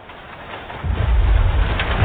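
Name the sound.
rain falling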